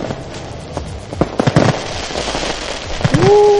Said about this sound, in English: Where's my fireworks? There we go.